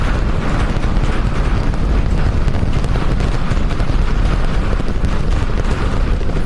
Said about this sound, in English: Seconds into flight, 33 out of 33 Raptor engines lit on the Super Heavy booster arcing away from us here at Starbase. Wow. What a view from there.